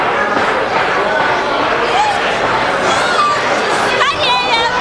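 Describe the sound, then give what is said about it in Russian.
A dense crowd of passengers jostling to board a train carriage on a railway platform, many voices chattering and overlapping in a steady hubbub, with a few brief high whistling tones near the end. “Эти идиоты толпятся, как стадо баранов.”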